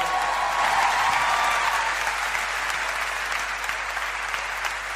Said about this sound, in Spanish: Muchísimas gracias por los aplausos, gracias por el cariño.